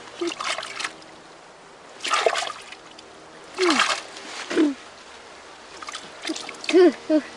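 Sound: water splashing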